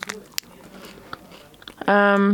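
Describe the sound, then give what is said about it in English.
Moist chewing of a Kellogg's strawberry and white chocolate cereal bar, with irregular crunchy clicks and smacks for about two seconds, then a voiced hum or sound from the speaker cuts in loudly at the end. “I'm sorry if you don't like chewing noises, you're gonna hate this bit.”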